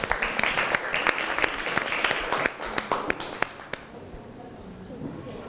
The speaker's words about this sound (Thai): เราขอเสียงปรบมือให้เชฟหน่อยครับ